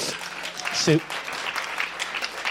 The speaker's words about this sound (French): Sous vos yeux ébahis, mesdames et messieurs, applaudissements.